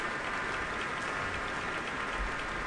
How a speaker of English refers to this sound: And the applause is continuing at Powell Hall, and I'm sure Yefim Bronfman is going to have to come out at least one more time.